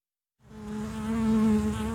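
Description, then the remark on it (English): A bee buzzes with a steady, droning hum that starts abruptly after a brief silence and swells slightly louder, with no voices present. “Bees mean honey and hives.”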